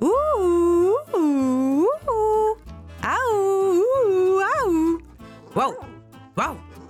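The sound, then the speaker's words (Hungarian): A human voice imitates three dogs barking angrily at a cat up in a tree: several drawn-out, loud barks in a rough rhythm, ending with a couple of shorter, sharper yaps. “A nagy mérges ugatásra a szomszédból is átfutott két kutya, s azok is segítettek Bodrinak az ugatásban.”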